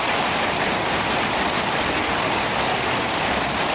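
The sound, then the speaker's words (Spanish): Steady rain falls in a dense, continuous hiss, drops pattering evenly across a surface with no pauses. Fairly loud, with no voices present. “Durante años hemos esperado el agua como una bendición en una tierra acostumbrada a convivir con la sequía.”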